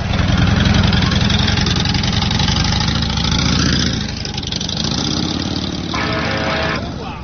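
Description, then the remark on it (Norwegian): A motorcycle engine idles with a steady, loud, throbbing rumble that shifts pitch slightly partway through, then settles back into a lower idle. “Hva du tenker på når du sitter der på motorsykkel og kjører?”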